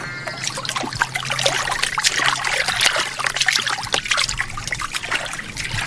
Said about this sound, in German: Ganz mutig steigen die beiden zum Fluss runter und springen in das Wasser, wenn das nur gut geht.